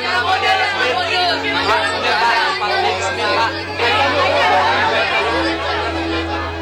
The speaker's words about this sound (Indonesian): Guru! Guru! Ya, kawan? Bisakah engkau menenangkan pengagummu agar kita bisa berbicara tanpa berteriak?